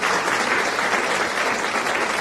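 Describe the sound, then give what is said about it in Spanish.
Steady, dense applause from a crowd, a continuous wash of clapping hands at fairly loud volume throughout, with no pauses and no voices standing out. “Muchos aplausos.”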